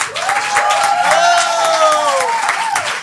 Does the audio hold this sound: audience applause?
yes